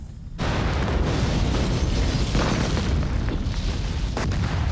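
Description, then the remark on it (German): A sudden loud pyrotechnic explosion, set off for a scene of the Tatort film 'Angriff auf Wache 08', bursts in after a brief quiet moment, followed by a sustained, roaring rumble of fire and debris that stays heavy for several seconds. “Ich wollte einmal Bescheid geben, dass wir eine Explosion haben.”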